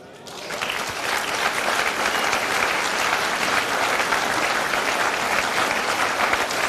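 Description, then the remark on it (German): Sustained applause from an audience, a dense wash of clapping that swells in within the first second and continues steadily and loudly throughout, with no voices standing out. “Das ist natürlich auch deinen Applaus.”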